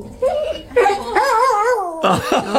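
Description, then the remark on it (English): A dog yips and whimpers excitedly in high, wavering cries, fairly loud, with a few sharper yelps toward the end, as it is reunited with its owner after going missing in 2021. “a dog that went missing in 2021, has been reunited with his owner.”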